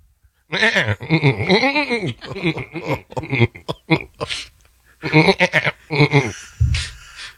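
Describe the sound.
A man's voice bleats like a goat in a quick series of wavering, nasal cries, loud, with short pauses between bursts and a brief chuckle near the end.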